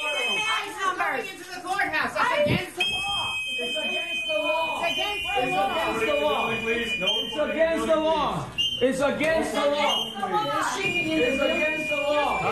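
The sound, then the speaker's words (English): Shrill, sustained whistles from activists pierce through a loud jumble of overlapping voices as masked federal immigration agents go into a courthouse, with a few steady high tones holding for seconds amid the continuous chatter of a crowd. “The audio we're about to play you does have some whistling noises.”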